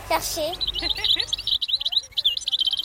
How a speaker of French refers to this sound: Alors, c'est quoi cet oiseau? Cet oiseau est chardonneret élégant. Il mange des graines, des insectes. Il fait combien de centimètres en tout? Il fait environ 12 centimètres. On le voit à quelle période de l'année en France? Toute l'année.